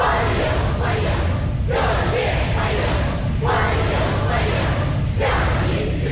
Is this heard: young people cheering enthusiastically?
yes